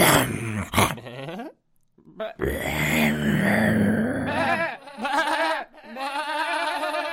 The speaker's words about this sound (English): It was a wolf.